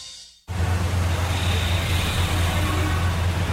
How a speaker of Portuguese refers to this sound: Trânsito.